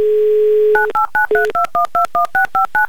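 A steady dial tone gives way to a quick, rhythmic run of about ten touch-tone beeps as a phone number is keyed in to call a radio show player in Yekaterinburg, each dual-pitched tone short and evenly spaced, loud.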